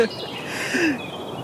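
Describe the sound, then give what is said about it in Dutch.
A faint, distant European robin sings a few thin, high warbling notes over quiet outdoor background noise, with no other sounds close by. “Volgens mij hoor ik in de verte al één vogel beginnen. En dat is vaak inderdaad een van de eerste. De roodborst.”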